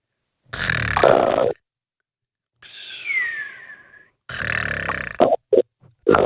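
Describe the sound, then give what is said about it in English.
A man, a caller on the radio show Australia Overnight, snores heavily through a phone line, with a long rasping inhale, a whistling breath, then a rough snorting exhale and a few short choppy snorts, loud with a thin telephone quality. “Is he snoring?”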